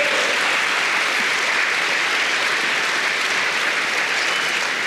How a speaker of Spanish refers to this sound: Den un aplauso al Señor, hermano.